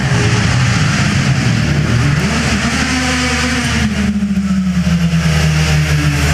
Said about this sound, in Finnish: Joo, täällä latvialaisen Ford Puma jo hyrrää.